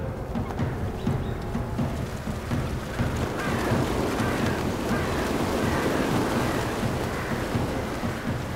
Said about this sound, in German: Die flatternden Flügel der panischen Rallen verwirren ihn. Welche soll er packen?